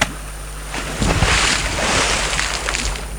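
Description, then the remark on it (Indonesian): A small stone, thrown by hand, plops into the sea with a sharp splash, followed by a steady wash of churning water and surf that fills the rest of the moment. “Kalau begitu saya akan lempar batu kecil ini di laut, biar Malapat bisa keluar dari air.”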